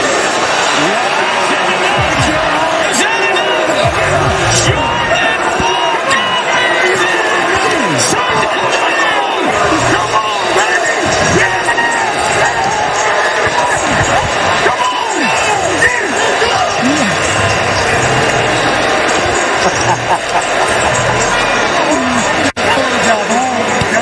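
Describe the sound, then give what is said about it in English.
A large crowd of Philly fans at a Home Run Derby boos loudly and steadily, a dense, continuous roar of many voices with scattered shouts that persists for the whole stretch without letting up. “Look at Philly fans just booing.”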